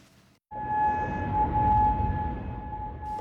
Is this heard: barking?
no